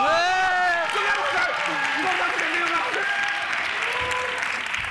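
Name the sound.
audience applause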